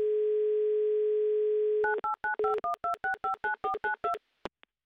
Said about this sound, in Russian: Так, набрали номер, будем ожидать соединения.